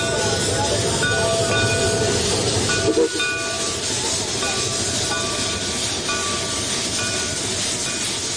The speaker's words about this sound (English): Shays locomotive, restored and well-maintained, gleaming black steel and brass, the steam pressure holding steady, waiting to turn the pistons. When everybody's on board, the conductor waves to the engineer, and engine number 4 begins one more trip.